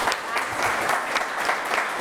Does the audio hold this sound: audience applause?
yes